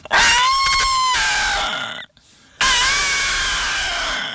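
Two loud, brassy trumpeting blasts from an elephant, the first about two seconds long, then a brief pause before a second sustained call; forceful, with no talking.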